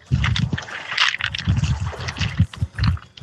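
Sea water splashes and laps repeatedly against the shore at Fethiye, Muğla, Turkey, in short, uneven bursts, with gurgling and sloshing sounds and no one speaking.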